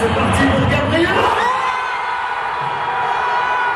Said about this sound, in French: Un pénalty mal cadré d'Arsenal et l'explosion du Parc des Princes où plus de 48 000 supporters du PSG s'étaient réunis pour regarder la finale de la Ligue des champions de football sur grand écran.